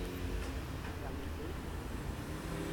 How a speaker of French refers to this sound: Une camionnette blanche, camionnette bleue. Une camionnette qui vient de la rue où nous nous trouvons.